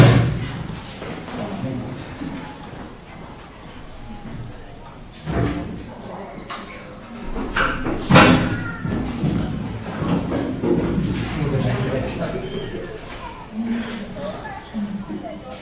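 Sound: heavy chair dropped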